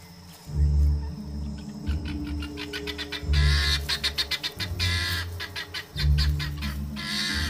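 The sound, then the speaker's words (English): A flock of guinea fowl huddled together by a river squawk and chatter in rapid, repeated bursts, loud, over a low rumbling background. “The guinea fowl huddle together, a squawking, formidable mob.”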